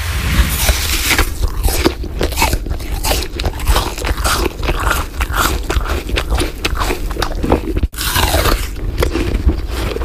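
Loud, wet crunching as someone bites into and chews an apple, with a steady run of sharp crackly bites and mouth noises, a brief break near the end, no talking.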